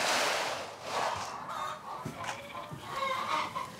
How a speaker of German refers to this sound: Wie viele Hühner sind denn das hier? Das sind knapp 300, nicht mehr 300, ne? 200.